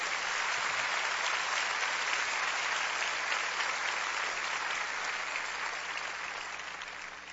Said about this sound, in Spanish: Dale a nuestro Señor ese aplauso.